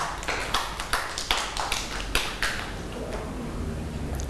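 A scattered round of children's hand claps, sharp and uneven in rhythm, with about a dozen claps over two seconds before they thin out and fade, leaving a soft background hiss.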